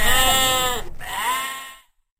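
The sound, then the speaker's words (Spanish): A sheep bleats twice in quick succession, each call loud and quavering, the second a little shorter, then the sound cuts off into silence. “dejó 99 ovejas en lugar seguro para ir a buscar la que estaba perdida.”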